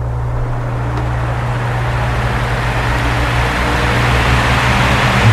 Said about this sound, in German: Der Ventilator, der musste durchmachen bei diesen Temperaturen. Ungemütlich schwitzig war es dann trotzdem,